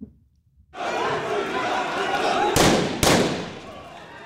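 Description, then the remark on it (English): A loud crowd of protesters in Kenya roars and shouts continuously, then two sharp gunshots crack out about half a second apart as police fire warning shots to disperse the crowd near the site of a planned Ebola quarantine center, cutting through the clamor before the crowd noise carries on. “Police fired warning shots and tear gas in a bid to disperse the crowd near the site of the planned facility.”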